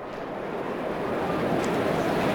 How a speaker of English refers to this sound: Flight tracker? Where are you going? Well, there's an aeroplane right above us.